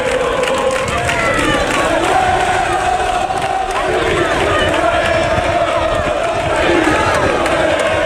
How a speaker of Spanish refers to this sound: Bueno, ayer, por cierto, en el entrenamiento del Sevilla se montó un lío tremendo cuando acabó el entrenamiento. La afición, en la puerta del Sánchez Pizjuán, así animó, esa fue la arenga.